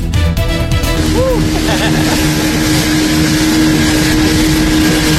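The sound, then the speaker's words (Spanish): A motorboat engine drones steadily and loudly across open water on Lake Ilopango during a recreational boat ride, with waves, wind and splashing noise throughout and brief bird-like chirps near the start. “Pasear en lancha en el lago de Ilopango es parte de la diversión, un viaje de recreo que nacionales y extranjeros disfrutan al visitar el parque recreativo Apulo.”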